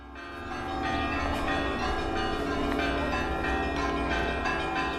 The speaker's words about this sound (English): The German troops are greeted with the ringing of church bells.